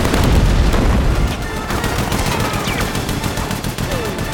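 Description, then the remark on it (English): Heavy gunfire from a large gun taken from a soldier rattles in rapid, continuous bursts, loud, over a dense, rumbling battle din with explosions as people run towards a mansion, with no pause for the full few seconds. “They run towards the mansion, avoiding gunfire.”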